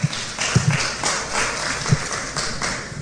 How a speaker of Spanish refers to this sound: Dale un fuerte aplauso al Rey de Reyes y Señor de Señores.